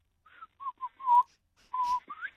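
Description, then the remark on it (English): A person whistles an imitation of a grey butcherbird's call: a short run of clear, fluting notes, some held and some rising, moderately loud with brief pauses between phrases. “Yeah, I reckon it's the grey butcher bird, and it's in the backyard, but it's different to the ones I can hear in, say, around Fairfield. It's got a whistle like this.”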